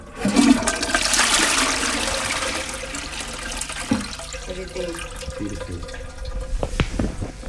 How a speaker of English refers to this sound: So here I'm flushing in the sacred toilet some pomegranate seeds. With the rest I could eat, there we go. If I can flush straight away.